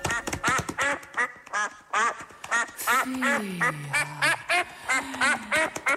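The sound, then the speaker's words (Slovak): A duck quacks over and over in quick, nasal bursts, loud, with a lower drawn-out honk sliding beneath the quacks partway through. “a len čo sa kačacej stupaje perou dotkne, jej strieborné vlásky na strieborné perie sa premenia a ona celá sa zrazu na kačku zmení.”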